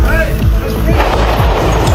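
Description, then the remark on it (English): A rapid string of gunshots, several sharp loud bangs in quick succession over a dense, noisy background, harsh, from a weekend shooting near a White House security checkpoint at 17th and Pennsylvania, where a gunman opened fire and the Secret Service returned fire. “That's sounds of gunfire via CNN.”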